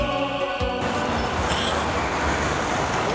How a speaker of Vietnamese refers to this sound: Thưa quý vị và các bạn, chúng tôi đang có mặt tại một quảng trường lớn nơi hội tụ 3 nhà ga. Đó chính là nhà ga Yaroslav đi về phương đông, Leningrad đi Saint Petersburg